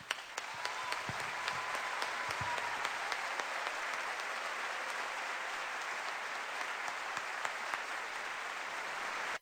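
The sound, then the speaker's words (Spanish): Steady applause from an audience for artists on a stage fills the whole stretch, a dense wash of many hands clapping at an even, fairly loud level without pause, ending abruptly. “Y yo les brindo mi aplauso personal.”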